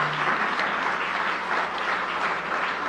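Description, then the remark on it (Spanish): Sustained applause from a crowd for a list of introduced officials, including a hospital director and a university media system director, a dense, steady wash of many hands clapping at once, fairly loud and continuous throughout with no voices standing out. “Ahora sí, un fuerte aplauso para todas ellas y ellos, por favor.”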